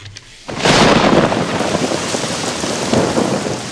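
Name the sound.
rain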